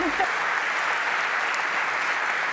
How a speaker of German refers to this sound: Ja, Glückwunsch. Applaus!